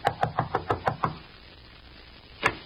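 Seven quick, evenly spaced knocks on a door, then a pause of over a second before one final, slightly louder knock. No voices accompany the knocking.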